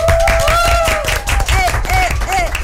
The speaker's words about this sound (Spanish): Y tal como les anunciaba hace un ratito, les hice la invitación, en este bloque nos acompañan alumnos de la Escuela Thomas Jefferson y esta es la única vez en esta conversación que van a poder meter boche todos, porque un aplauso para ustedes.